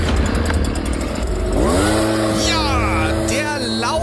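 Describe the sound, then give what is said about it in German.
A leaf blower blowing leaves on a rainy autumn day: its small engine drones loudly and continuously, then revs up partway through, its whining pitch climbing and holding steady over a rushing, noisy hiss. “Laubbläser-Einsatz, der Laubbläser-Wahnsinn ist zurück.”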